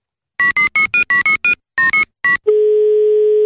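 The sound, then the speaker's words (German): A quick run of about ten telephone keypad beeps in uneven bursts as someone dials to call a person, followed by one steady, loud ringing tone that holds for a second, with no voices. “Rufen wir ihn jetzt an.”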